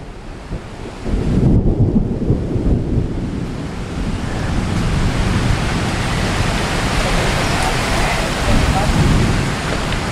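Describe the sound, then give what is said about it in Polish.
Steady, dense rain hisses for the whole stretch by the Madeira River, with a deep rumble of distant thunder rolling low underneath it as lightning strikes the far bank. “Niestety deszcz, który przyszedł, spowodował, że trzeba poczekać godzinę. W oddali widzę pioruny, które uderzają w drugi brzeg.”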